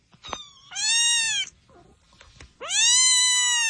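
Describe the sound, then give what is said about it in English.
A cat meows twice, loud: two long, drawn-out, rising-and-falling cries separated by a short pause, with no talking. “Yeah, they had a police car that kept meowing, and officers in Ellesmere, Delaware, say they occasionally had heard the meowing from the vehicle This was over two shifts.”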